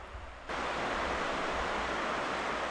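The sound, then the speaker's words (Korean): A steady, full hiss of a clear stream running through the middle of a village about 3 km from the Pakistan border, with the Karakoram range in view, dividing the upper and lower village, rises abruptly and then holds at an even, fairly loud level throughout, with no voices. “마을 한가운데를 가로지르는 맑은 개울물은 윗마을과 아랫마을을 나누는 경계이자 메마른 골짜기를 적시는 소중한 생명수죠.”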